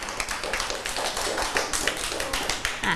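A group of children clapping their hands in a steady patter of overlapping claps, fairly close and lively, lasting throughout with no talking.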